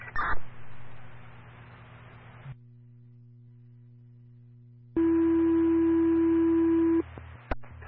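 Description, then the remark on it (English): A radio channel crackles with static, goes quiet, then a loud, steady fire dispatch paging tone, issued as additional tones for a mutual aid request for evacuation personnel in New Fairfield, sounds for about two seconds over the hiss before cutting off with a click. “Yes, go ahead and issue additional tones.”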